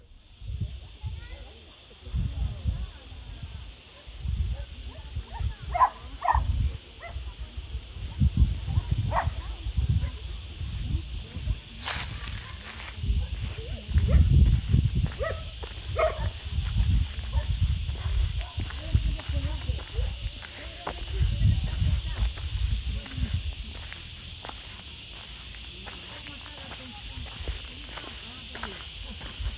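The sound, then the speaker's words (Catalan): Outdoor wind gusts rumble and buffet throughout, rising and falling, on a hot August day in an olive field in Cerrato, recorded with a mobile phone, while a steady high insect drone hums in the background, with scattered faint clicks and knocks. “I s'escolta el vent.”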